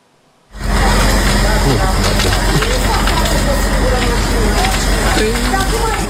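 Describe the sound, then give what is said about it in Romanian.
The attic of an apartment block in Popești-Leordeni, near the Romanian capital, burns; the fire roars and crackles steadily after a brief silent start, with indistinct voices and outdoor commotion mixed into the dense, loud noise. “Incendiul lângă capitală, mansarda unui bloc din Popești-Leordeni, a fost cuprinsă de flăcări.”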